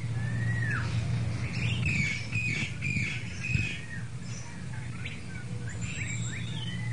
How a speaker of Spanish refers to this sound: Esa mañana el sol fue más resplandeciente que en otros días y los pájaros cantaron alegres sus dulces melodías.